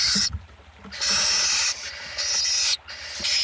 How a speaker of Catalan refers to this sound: Au que habita els camps oberts durant tot l'any.